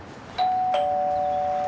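A doorbell sounds a two-tone ding-dong, the first chime at a higher pitch and the second lower, with the lower tone ringing on steadily. It's close and clear, with no one speaking.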